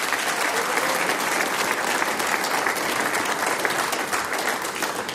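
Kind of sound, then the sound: crowd, audience applause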